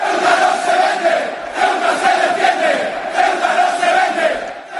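A large crowd of Atlético Madrid football ultras of the Frente Atlético group chants a rhythmic political slogan about Ceuta in unison ("Ceuta is not for sale, Ceuta defends itself"), loud and continuous, with surging pulses of massed voices and no individual speech standing out.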